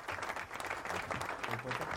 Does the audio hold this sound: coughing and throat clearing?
no